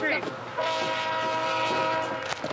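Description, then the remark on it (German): A train horn blares in a long, steady chord that holds for a couple of seconds, loud, over a low rumble of the moving train as it approaches on the Canadian prairie, about 2 kilometres away. “Der Zug ist gleich da.”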